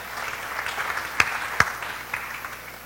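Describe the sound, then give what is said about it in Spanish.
A crowd applauds steadily to thank members of the Ágel community, a dense patter of many hands clapping, with a couple of sharper, louder claps standing out near the middle. “Aplausos para nuestros hermanos.”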